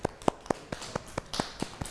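Children clap their hands in a quick, steady rhythm, about nine sharp claps in two seconds, moderately loud with no talking, applauding at a teacher's request during a children's lesson about body parts.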